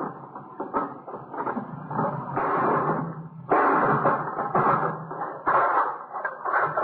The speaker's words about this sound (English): Let me give you that hammer. Yeah. You gonna break the lock? Yeah.